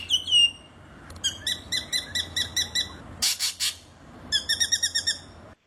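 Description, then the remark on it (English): Spangled drongo calls: a metallic, twangy series of repeated chirps in quick rhythmic bursts, broken by a harsh raspy buzz, then more rapid ringing notes. Clear, with no talking. “Is this all the spangled drongo?”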